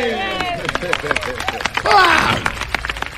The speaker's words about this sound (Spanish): ¡Wow! ¡Aplausos para los sobrevivientes!